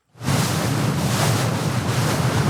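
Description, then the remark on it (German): Rough, wind-whipped sea waves on the Öresund roar in a dense, steady wash after a brief fade-in, heard on a grey morning from a Swedish Maritime Administration pilot boat that has just left Helsingborg harbour, Sweden. Gusty wind buffets the microphone over a low rumble beneath. No one speaks. “An diesem Morgen ist das Meer grau, der Wind hat die Wellen aufgepeitscht, das Lotsenboot der schwedischen Schifffahrtsbehörde hat gerade den Hafen von Helsingborg verlassen.”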